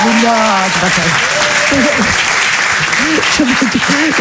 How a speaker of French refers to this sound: Il faut allez, applaudissez-la très fort, Mado la niçoise.